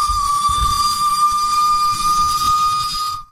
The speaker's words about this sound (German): War eine Pfeife von dem Zug.